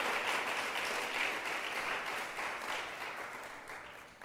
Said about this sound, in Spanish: Démosle ese aplauso al Señor nuestro Dios.